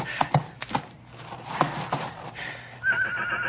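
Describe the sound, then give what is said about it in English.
A colt being whipped by a man whinnies and neighs in shrill, agitated bursts, ending in a sustained high-pitched whinny, with scattered thuds and movement noise underneath and no talking. “I'll show you, you ungrateful colt.”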